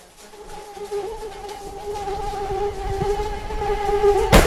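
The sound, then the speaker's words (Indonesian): A mosquito whines continuously, its thin droning pitch wavering slightly as it hovers, with a brief rustling burst just before the end and no voices. “Gigitan nyamuk sangat menjengkelkan.”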